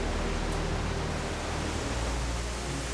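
A steady, dense roar of rushing water from the Korninger Wasserfall fills the whole stretch, broad and unbroken, with a low rumble underneath and no voices.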